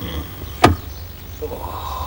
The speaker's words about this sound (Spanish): Le abre la puerta.